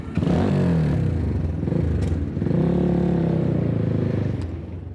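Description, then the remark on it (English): A motorcycle engine drones loudly, its pitch rising and falling as it accelerates through city traffic in Tehran, Iran, on a short ride, with a steady wash of road noise and a few faint clatters. “With such traffic in Tehran, two wheels are a practical choice. So I'm joining Efsane for a short ride.”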